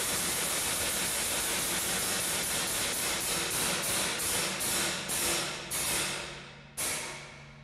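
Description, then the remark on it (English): The mechanism of a London bell clock, which runs every 15 minutes, makes a loud, hissing mechanical whir, pulsing in a steady rhythm that gradually spaces out and fades before a sharp clunk near the end. No one speaks. “Every 15 minutes, the clock does this.”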